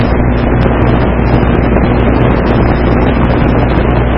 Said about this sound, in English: Got some helicopters coming over here. Most of them, they're about to land here in the parking lot. Oh man, I believe he is. That thing's flying very low. I don't know if you can hear him.